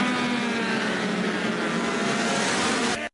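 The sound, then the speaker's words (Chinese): Racing superbike engines roar loudly and continuously on track at the World Superbike Championship Portugal round, middleweight class race one on 28 March, including the Chinese Zhang Xue Machinery team's number 53 bike ridden by Valentin Debise; a steady high-pitched whine holds at full revs before cutting off abruptly. “世界超级摩托车锦标赛是一个检验量产车极致性能的舞台，这两个回合比赛冠军的含金量如何？”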